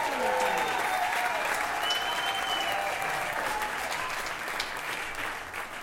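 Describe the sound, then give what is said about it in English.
Steady, dense applause from an audience fills the whole stretch, a broad wash of clapping that holds loud throughout and eases off slightly toward the end, with faint tonal traces underneath. “Let's give a round of applause for Betsy Ross, your grand old friend.”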